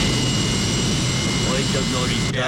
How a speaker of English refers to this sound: All right, so now we're looking at the truck. Oh, it's firing up its jet engine.